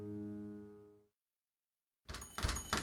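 A sustained musical tone fades out into a brief silence, then a few loud knocks rap on a door in a quick, uneven burst, in a Capital One advertisement featuring Charles Barkley.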